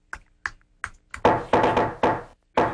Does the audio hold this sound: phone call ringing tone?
no